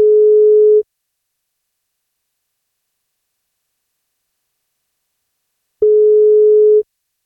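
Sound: telephone ringing tone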